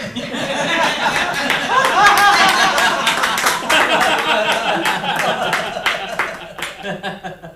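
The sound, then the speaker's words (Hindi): A crowd of men and women, young and old, claps in a dense, continuous patter while laughing as a man dances and sings to their clapping; scattered laughter and chuckles rise and fall in a lively wash of applause that thins slightly toward the end. “उसके कंसुरे गायन पर बाल वृद्ध नर नारी हंसते हुए तालियां बजा रहे थे।”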